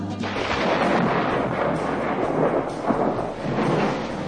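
Deep, rolling thunder rumbles continuously for a few seconds, loud, with a dense wash of storm noise and no voices.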